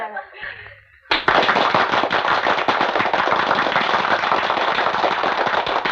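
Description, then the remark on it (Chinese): A short spoken phrase gives way to a sudden burst of group applause from a women's basketball team greeting their new coach: dense, steady and loud clapping from many hands that carries on unbroken for about five seconds. “我想了很久的第一句话，给你们一鼓掌，我全给忘了。”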